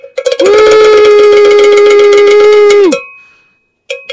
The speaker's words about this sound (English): Hopefully that's not too loud for you out there. We like to ring the bell when we get a big figure like that.